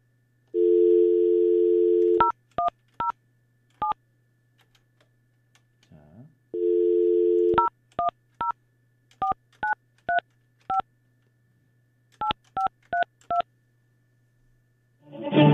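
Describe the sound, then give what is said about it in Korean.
A steady telephone dial tone plays as a radio host phones a listener, then a run of keypad beeps dialing a number; the tone returns after a short click and more rapid key presses follow, ending in a brief burst of noise. “자, 이 시간에 우리 계약한 분이 좋은 사연을 주셨는데 이분한테 제가 전화 한번 해볼게요.”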